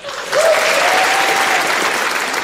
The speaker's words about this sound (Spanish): Con los aplausos del público en la iglesia de San Patricio, estuvo Bono junto con The Edge para pues leer esto